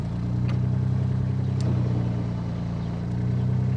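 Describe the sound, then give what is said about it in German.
A boat engine runs steadily at a low, droning pitch, loud and continuous throughout, with a slight rise and fall in its hum and no voices. The boat is on the Steinhuder Meer, a lake in Germany whose muddy bottom can leave boats stuck. “muss er schon genau gucken, wo er hinfährt, sonst steckt er im Schlamm.”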